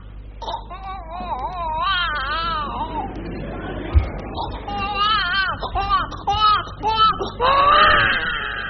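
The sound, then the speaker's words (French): A voice imitates a one-month-old newborn's crying with wavering, high-pitched wails in repeated bursts, loud, with other voices and a thump mixed in. “de nous faire la voix, de nous imiter la voix d'un tout petit enfant, un nouveau-né?”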